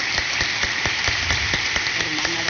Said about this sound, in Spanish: Si no, le mandamos sus felicitaciones y su aplauso de cumpleaños a su casa.